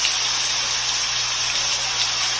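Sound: rain falling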